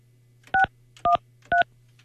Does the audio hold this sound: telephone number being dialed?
yes